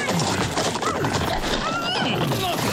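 A horse whinnies over a dense, steady din of hooves and movement from a huge herd of steppe horses on the steppe; rising and falling neigh tones cut through the busy, loud background.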